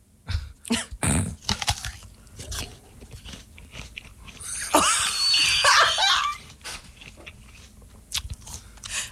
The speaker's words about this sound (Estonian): Sa päriselt sööd nii õuna või?